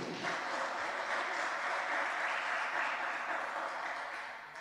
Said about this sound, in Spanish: ¿Cuánto le damos ese fuerte aplauso? Amén.